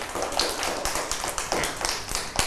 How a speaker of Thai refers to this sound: เก่งมากเลยค่ะปรบมือให้กับ